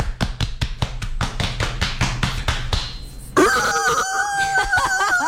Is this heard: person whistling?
no